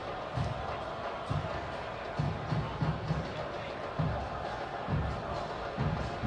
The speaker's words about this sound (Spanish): Y se va Leo Walta. Leo Walta. Y le aplauden a Walta. Es que sí, está tocando bien esa pelota, ¿eh?